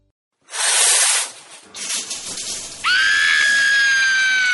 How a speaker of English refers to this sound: Why is the water freezing? Cold showers are the worst.